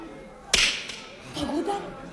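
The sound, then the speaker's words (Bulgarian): A single sharp punch to the jaw lands with a crisp smack, followed by a short faint vocal sound and low background noise. “Вкарайте го вътре, сигурно съм ощупил челюстта.”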